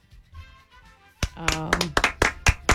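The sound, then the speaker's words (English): A brief golf clap, light and polite, on a radio call-in show after a caller's joke: about eight or nine crisp, slightly irregular claps starting after a quiet moment, with a voice sounding over the first few. “You get a golf clap for that one.”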